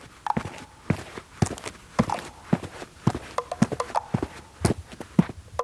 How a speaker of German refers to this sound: wie klingt denn jetzt dieser Schuh auf diesem Boden?